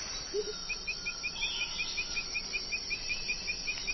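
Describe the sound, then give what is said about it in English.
A steady, shrill drone of rainforest insects fills the background, with a faint, evenly pulsing chirp repeating throughout. No one speaks. “And those continuous sounds? Those are insects.”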